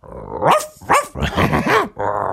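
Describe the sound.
A person imitates a dog, first a small dog and then an ever bigger one, with a series of loud barks and growly yips in quick succession, voiced sounds rising and falling in a few short bursts.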